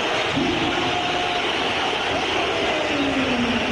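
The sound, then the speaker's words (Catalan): A large stadium crowd at the Metropolitano applauds Jonathan David as he is substituted off, in a dense, steady roar of clapping that holds at an even level throughout, with faint sliding whistle-like tones rising briefly above the noise. “Això són aplaudiments, i d'aquí uns 5, 6, 7, 8 segons veurem com els xiulets potser s'apoderen del Metropolitano.”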